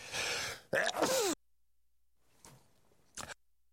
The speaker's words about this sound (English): Pardon me, I'm sneezing here. It's cold.